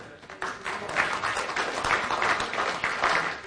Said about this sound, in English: You got that? Yeah, you can applaud.